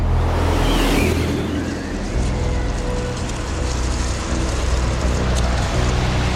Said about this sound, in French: La première semaine en mer du Bounty rythmée par la tempête. En cet hiver 1787, des vents violents remontent du golfe de Gascogne et la mer se déchaîne sur la coque du navire.